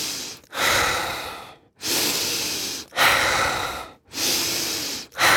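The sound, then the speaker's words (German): Loud breathing in a steady, fairly quick rhythm: about four full inhale-exhale cycles, each a long airy rush separated by brief pauses, with no talking; a demonstration of the typical rate used in active breathing, fast but not panting. “Deswegen ist mir wichtig zu sagen, ich kann es ja mal kurz vormachen, was hier so eine typische Frequenz ist, wie wir das machen bei diesen aktiven Atmen.”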